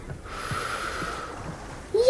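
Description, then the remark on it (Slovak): A long, steady breath of air blown through a soap bubble toy's ring dipped in soapy water, a soft airy hiss lasting over a second, followed by a voice starting to speak at the very end. “Pozri, takto sa to namočí, tento krúžok do mydlovej vody. A pozri, teraz doň fúkneme.”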